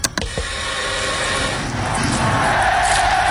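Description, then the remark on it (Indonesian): A big stadium crowd at night roars and cheers as two football teams walk onto the pitch, in a dense, continuous wash of voices that swells slightly louder toward the end, with a few sharp bursts right at the start. “Atmosfer di stadion malam ini sungguh luar biasa.”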